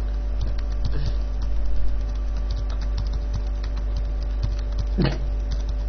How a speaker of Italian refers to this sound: Nirvana digita la password. E la sto sbagliando di nuovo.